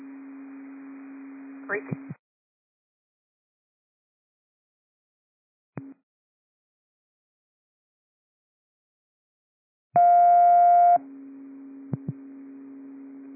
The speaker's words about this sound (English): These are cancellation tones for the Delta unconscious at Mount Vernon High School. 327, you can stand down from the Delta unconscious at Mount Vernon High School.